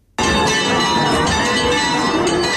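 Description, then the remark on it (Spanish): Church bells ring out loudly and continuously in the village of El Rocío as the Virgin leaves her sanctuary on Pentecost Monday, their dense overlapping peals filling the air with a bright, sustained metallic clang and no voices. “Y así repican a esta hora las campanas en la aldea del Rocío, porque a las 3 y 2 minutos de la mañana la Virgen salía de su santuario en busca de sus hermandades filiales en este lunes de Pentecostés.”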